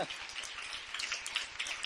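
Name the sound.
audience applauding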